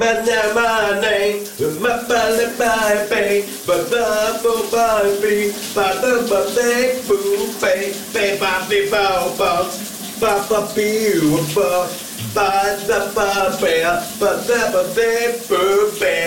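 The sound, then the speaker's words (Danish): Shower water runs with a steady hiss throughout during a morning shower, while a person sings loudly over it in continuous phrases with short pauses. “Vi skal genlytte med morgens brusebadshit.”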